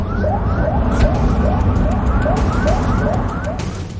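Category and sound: vehicle, ambulance siren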